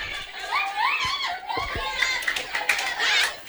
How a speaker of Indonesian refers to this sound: Ada kandidat. Ada. Tepuk tangan dulu. Ya.